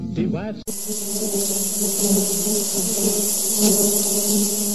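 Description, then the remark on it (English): A brief voice gives way to a loud, steady swarm of bees buzzing, a dense droning hum that holds unbroken for several seconds. “Where did Noah keep his bees? In the ark hives.”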